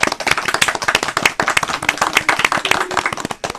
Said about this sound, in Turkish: Tebrik ediyoruz. Koca bir alkış.